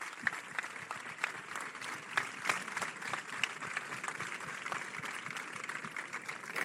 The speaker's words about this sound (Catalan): volem celebrar el paper dels mestres i les mestres convidant les escoles de primària de Sitges a encendre els 21 morterets de Santa Tecla. Un aplaudiment per totes elles.